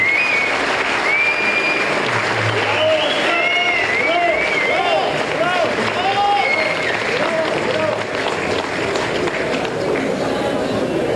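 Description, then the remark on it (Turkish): A large audience at a Galatasaray club event claps steadily and loudly throughout, applauding the club's athletes, coaches, staff, managers and families, a dense wash of applause with scattered whistles and cheers rising above it and crowd voices mixed in. “Sizlerden de büyük bir alkış istiyorum.”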